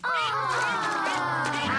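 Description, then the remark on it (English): Steady quacking from a duck, Mrs. Duck, and her ducklings, nasal calls overlapping in a continuous, fairly loud chorus with no talking. “It is Mrs. Duck and her ducklings.”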